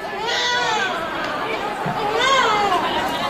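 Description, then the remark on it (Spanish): Recorded baby cries, played by light-carrying participants in a night protest march of striking nursery school workers to Puerta del Sol in Madrid, wail over a murmuring crowd outdoors, the high, rising and falling sobs overlapping continuously and swelling louder toward the end amid general chatter. “Durante la movilización, que estaba convocada desde las 10 hasta las 12, las participantes portaban luces y reproducían sonidos de llantos de bebés.”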